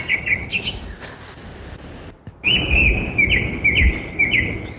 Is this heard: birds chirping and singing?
yes